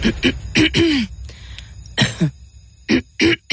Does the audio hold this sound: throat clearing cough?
yes